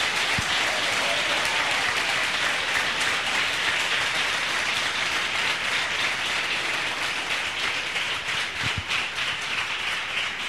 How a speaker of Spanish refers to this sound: Un fuerte aplauso de los salvadoreños.